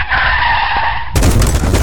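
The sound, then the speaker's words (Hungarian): Car tires screech in a loud, sustained skid for about a second as a car is driven into a garage at 50, then cut off by a sudden crash into the garage door, a broad metallic rattle and bang. No voices. “Szívem, mondtam, hogy ne 50-nel állj be a garázsba. Ennek annyi.”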